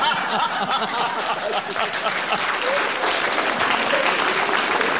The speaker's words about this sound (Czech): Teď koukám, kdo tleská, kdo netleská. Hlavně chlapi se smějou.